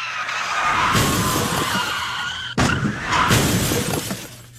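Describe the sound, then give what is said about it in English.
A loud crash as a car being chased by police hits a truck and six police cruisers, with screeching skids and shattering metal and glass, a sustained noisy burst that cuts off briefly and then crashes again, with no voices. “You totaled a car and the 6 police cruisers, which is better than last month's incident.”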